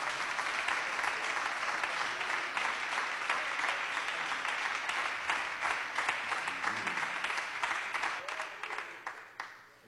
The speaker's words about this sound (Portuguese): As palmas são fortes para Jesus.